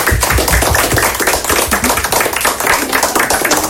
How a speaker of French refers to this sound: Bon, ben, je pense que les élèves, vous pouvez vous applaudir.